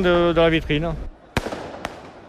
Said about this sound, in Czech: Sotva zápas skončil, tak vypukly první nepokoje. Lidé začali zapalovat červené dýmovnice, házet petardy, házeli taky lahve s vodou na policisty. Policisté je rozháněli obušky a slzným plynem.